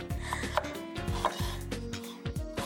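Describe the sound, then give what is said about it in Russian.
Rapid, steady knife strokes against a wooden cutting board, a quiet rhythmic scraping and tapping as an onion is shredded, with no talking over it. “Сегодня мне досталось шинковать лук.”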